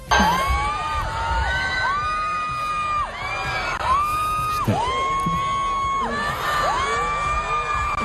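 A huge crowd of fans screams and cheers nonstop at a concert in the Bernabéu stadium, many high-pitched voices rising and wailing together in sustained, overlapping shrieks, loud for the whole stretch.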